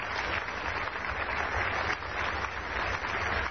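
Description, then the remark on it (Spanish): Steady crowd applause for the exhibiting brands at a trade fair evening, a dense continuous patter of many hands clapping at once, holding even and moderately loud without pause from start to finish. “Ese aplauso es para quienes siguen adelante a pesar de todas las dificultades, y ellos lo saben.”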